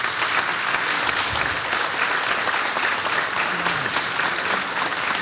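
An audience at a chamamé celebration claps steadily for several seconds, a dense, even wash of many hands at constant loudness with no voices breaking through.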